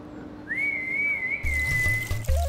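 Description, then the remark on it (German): A female zookeeper whistles one long, steady, high call note lasting nearly two seconds to call an animal, clear, over a rushing, watery background with a few dull low knocks toward the end. “Man muss laut rufen und gut pfeifen können.”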